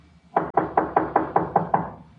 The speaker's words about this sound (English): Let him knock again.